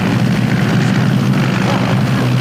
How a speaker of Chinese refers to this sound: 是飞机吗？这是日本鬼子的飞机。 对，是飞机。